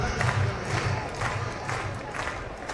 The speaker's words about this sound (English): Fans clapping along.